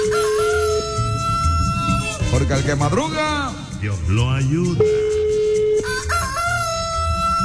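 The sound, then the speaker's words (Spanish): A rooster crows loudly, one long drawn-out call with a rising and falling pitch, played on the radio station La Reina 95.5 for a prize winner, set against a steady background tone while a man talks around it. “Púmbele el gallo ahí”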